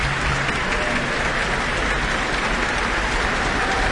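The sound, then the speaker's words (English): Sustained applause from a large concert audience for flute soloist Camila Hoitenga as she bows on stage with the APO musicians, a dense, steady wash of clapping at even loudness throughout with no voices standing out. “And tonight's soloist, flutist Camila Hoitenga, is back on stage now, basking in the applause.”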